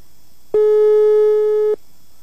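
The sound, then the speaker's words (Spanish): A single steady electronic telephone ringing tone on an outgoing call to a contest winner's mobile phone, buzzing for just over a second at even loudness and then cutting off, with no voices present. “A ver, ¿está timbrando o no? Vamos a ver. Aquí dice que está timbrando.”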